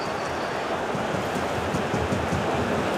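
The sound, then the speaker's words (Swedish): A dense, steady roar from a large football stadium crowd at a PSG match fills the whole stretch, a broad wash of cheering with no single voice standing out and little change in loudness. “Det blir också, ni hör hur jublet stiger.”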